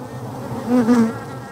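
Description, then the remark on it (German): A steady drone of honeybees buzzing around a beehive on a tower in a city, the hum swelling louder for a moment midway as bees pass, with no voices present. “Die Bienen haben ein Bild von der Stadt.”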